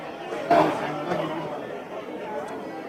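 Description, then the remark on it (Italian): A large football stadium crowd murmurs continuously, with a brief swell of fans' disgruntled, complaining voices early on before settling back into a steady roar of chatter. “Subito lamentele dei tifosi.”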